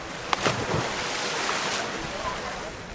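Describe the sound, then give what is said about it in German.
A steady, continuous rush of water pouring into a pool where settlers cool off in the West Bank, a broad hissing wash that holds evenly throughout, with a brief splashy burst near the start and faint voices in the background. “Ein paar hundert Meter weiter strömt derweil das Wasser in das Becken, in dem die Siedler sich abkühlen.”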